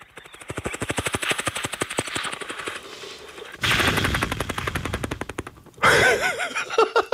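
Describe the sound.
A cartoonist imitates a helicopter with the mouth as a party trick, with fast, rhythmic mouth pulses like whirring rotor blades, loud and sustained for several seconds, breaking into a rougher burst and then a final warbling flourish.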